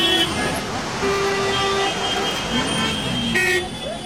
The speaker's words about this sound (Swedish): Den infarktartade trafiksituationen framför den stora järnvägsstationen i Indiens huvudstad New Delhi kan vara en bild för att allt inte har gått bra med Nagoya-protokollet.